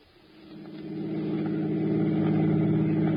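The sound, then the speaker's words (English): A car engine swells over the first second as it picks up speed, then settles into a steady, loud, low rumble as the car drives toward the George Washington toll bridge across the Hudson River. No one speaks. “drove toward the George Washington toll bridge, across the Hudson River in Siegel's car, with the third criminal, Bud Aldridge, following in their own car.”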